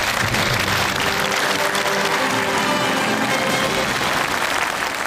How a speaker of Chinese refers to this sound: 接下来我把讲台留给吴奕泽，掌声有请他为我们开讲。